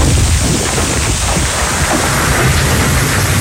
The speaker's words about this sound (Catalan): El Solsonès, segons el Servei Meteorològic, va caure aquesta pedregada que sentim ara mateix, pedres de fins a 5 centímetres de diàmetre.